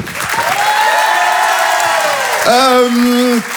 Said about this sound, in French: Je vous demande de l'encourager, de l'applaudir très très fort s'il vous plaît.